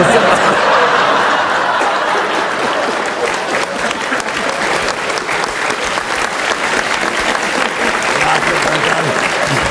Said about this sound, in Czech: A v tom je síla Jiřího Kodeta, jedna věta a aplaus, to rozumím.